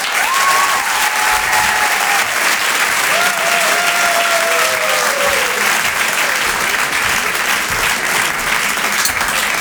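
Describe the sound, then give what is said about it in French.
Loud, sustained audience applause at the Chanson Comedy Club, a dense wash of clapping from a large crowd welcoming a comedian, with a few faint whistles rising above it, holding steady throughout. “Merci de garder cette énergie, de faire un tonnerre d'applaudissements”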